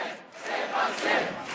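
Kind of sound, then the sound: crowd, crowd chanting in unison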